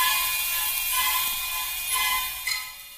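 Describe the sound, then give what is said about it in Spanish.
Car power windows whir steadily shut with a thin, high motor hum as the locks of both car doors are pressed, and a single sharp lock click lands near the end. No voices. “Antes, sin embargo, y con esa pasmosa capacidad que tienen las mujeres para combinar lo práctico con lo romántico, oprime los seguros de ambas puertas, subiendo los vidrios.”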